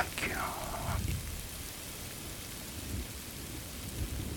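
Steady rain pours down in a dense, continuous hiss with low rumbling underneath, and a brief falling tonal sweep near the start before the downpour carries on alone.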